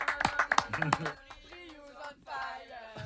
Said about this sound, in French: Donc on peut vous applaudir une dernière fois. Bravo. Merci beaucoup.